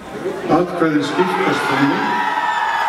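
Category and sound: crowd, crowd cheering and whooping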